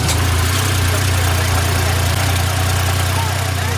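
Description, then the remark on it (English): A UTV off-road utility vehicle engine idles steadily, heard from the passenger seat: a loud, continuous low rumble with a throbbing, even rhythm that holds throughout without revving. “I'm in the passenger seat of a UTV.”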